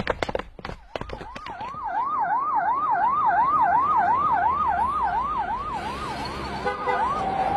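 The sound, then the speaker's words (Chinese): A police car siren from the Yun County Public Security Bureau wails in quick, even up-and-down cycles, loud, after a few sharp thumps like doors slamming at the start, as the car heads to the long-distance bus station; no one speaks. “老方，快开辆警车，我们一起去。”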